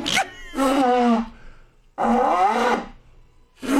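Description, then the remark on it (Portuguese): A person makes loud, brassy trumpeting calls with their voice, imitating an elephant, in three strong bursts separated by short pauses. “Sou elefante.”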